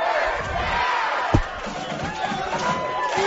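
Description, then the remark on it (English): A football crowd at a McHenry Bearcats game cheers and chatters steadily, a dense wash of many voices with scattered shouts, broken by a single sharp thump partway through. “This crowd is fun.”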